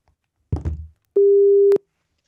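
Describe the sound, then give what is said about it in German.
A brief rustle or handling noise, then a single loud, steady telephone ringback tone while placing a call, sounding for about half a second before cutting off, with no voices. “Können wir telefonieren?”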